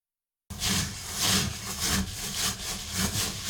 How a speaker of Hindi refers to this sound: चावलों में उंगलियां घुमाते हुए दानों को एक दूसरे के साथ रगड़ते रहें। इस अमल को जापानी में तोगू कहा जाता है।